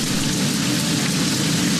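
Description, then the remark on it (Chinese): Steady rain falls in a dense, unbroken hiss that stays loud and even throughout, with a low rumbling undertone and no voices. “雨来了，雏鸟们乖乖等候着妈妈。”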